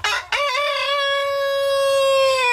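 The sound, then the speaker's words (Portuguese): A rooster crows once, loud: a short rough burst, then a long, steady, ringing cock-a-doodle-doo held for about two seconds. No talking. “Muito boa tarde, Galo Cinza.”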